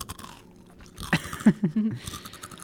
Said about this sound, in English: There's no food in this booth because it's not allowed in the booth, so we're like crunching on like pencils right now. Yeah, I'm crunching a bag right now. It's cardboard, actually.